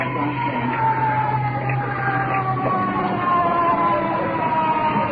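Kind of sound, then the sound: vehicle, ambulance siren arriving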